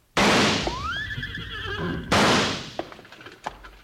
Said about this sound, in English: Hey, it worked. Them two horses took off like they were heading for the barn.